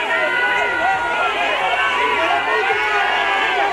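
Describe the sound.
A loud, dense crowd in Ceuta boos and jeers continuously at Spain's Interior Minister Fernando Grande-Marlaska during his visit, shouting 'coward' and 'traitor', many voices overlapping into an angry roar that stays steady from start to finish.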